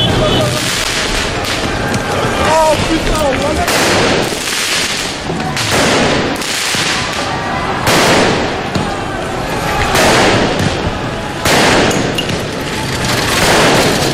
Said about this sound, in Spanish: No son las fallas de Valencia, ¿eh? Esos son lanzamiento de fuegos artificiales, me imagino que también alguna pelota de goma de los antidisturbios.